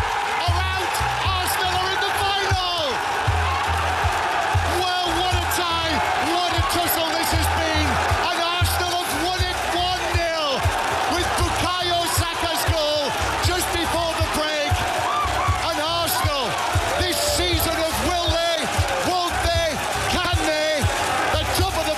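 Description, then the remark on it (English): A huge football crowd at the Emirates stadium in North London cheers and roars at the final whistle as Arsenal beat Atletico Madrid 1-0 to reach the Champions League final, with high-pitched shrieks and excited voices rising over a dense, loud wall of sound that stays intense throughout. “The delirium in North London at the final whistle as Arsenal beat Atletico Madrid 1-0 at the Emirates, 2-1 across two legs”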